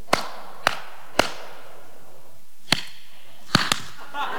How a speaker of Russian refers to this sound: Ладно, давайте так, проверим вас на слух. Значит, я хлопаю, вы за мной повторяете, да?